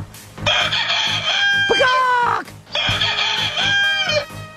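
A rooster crows loudly, two long cock-a-doodle-doo calls in quick succession, each rising and then trailing off, over a faint background murmur.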